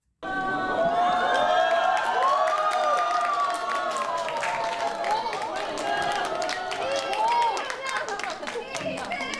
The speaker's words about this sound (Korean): 예상치 못했던 대통령 내외의 방문에 현장에 있던 수많은 불자와 시민들은 놀라움과 함께 뜨거운 환호를 보냈습니다.